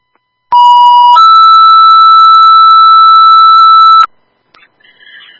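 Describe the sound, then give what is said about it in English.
A loud three-tone radio dispatch paging tone calling for an ambulance driver for Randolph EMS: a short, steady lower beep shifts into a higher sustained tone that holds for about three seconds, then cuts off, followed by faint bursts of radio static. “Tone for driver, please. Three tone driver, 11.”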